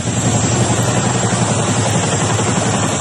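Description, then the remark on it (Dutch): Loud, continuous rotor thumping from eight military helicopters passing overhead over Rotterdam at 6 in the morning, dropping soldiers during a large anti-terror exercise; a steady rhythmic chop over a dense roar of engine noise with no voices. “Er vlogen 8 helikopters over van waaruit militairen werden gedropt.”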